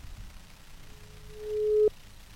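A single steady telephone ringback tone while calling the head of the KUA office in Lamongan, Indonesia, a plain mid-pitched hum that swells louder for about a second before cutting off abruptly, over faint low background noise with no talking.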